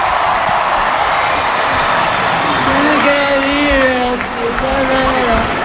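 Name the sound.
audience applause and cheering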